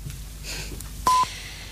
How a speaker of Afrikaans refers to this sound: 30 sekondes. Wanneer u die sein hoor, is dit precies 9:14.